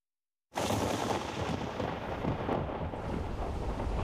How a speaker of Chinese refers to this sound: 外面雷声隆隆